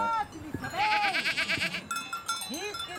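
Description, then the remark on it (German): Several goats bleat in short, wavering calls over a steady jangle of cowbells on a goat alp, Alb Kaff Lodge, in a small side valley of the Swiss Engadine; the clanking is brightest in the middle and continues under the later bleats. “Es verschlug ihn schließlich auf eine Ziegenalb in einem kleinen Seitental des Schweizer Engadins.”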